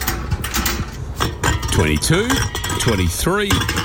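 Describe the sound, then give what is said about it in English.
Empty beer cans clink and rattle against each other as someone collects them, a quick, irregular jumble of bright metallic knocks, with indistinct voices murmuring underneath. “Ha, nah, collecting cans.”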